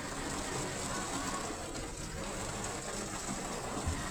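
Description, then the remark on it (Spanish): Steady, dense hiss of heavy rain with a broad rushing wash of water running continuously like a river along Avenida Ricardo Palacios, fairly loud, with no breaks over the few seconds. “Chulada de río en Avenida Ricardo Palacios. Mucha lluvia.”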